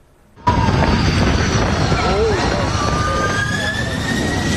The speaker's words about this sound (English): This airliner was just seconds from touching down in Taiwan when the pilots suddenly aborted the landing. This is EVA Air Flight 107 from Tokyo, approaching Kaohsiung in southern Taiwan. Strong crosswinds were making for a challenging approach,